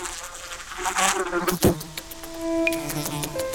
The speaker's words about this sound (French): Notre bestiole, qui ne peut pas voir les vitres, malgré des yeux qui prennent toute la place sur sa tête, est une superbe mouche. Et plus précisément, une Musca domestica, une mouche domestique.